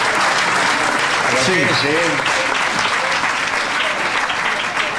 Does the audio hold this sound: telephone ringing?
no